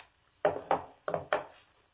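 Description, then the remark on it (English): A gun is laid down on a wooden table, making four solid knocks in two quick pairs, each with a short hollow decay, heard alone against a quiet background. “Then he got up, took out his gun, laid it on the table.”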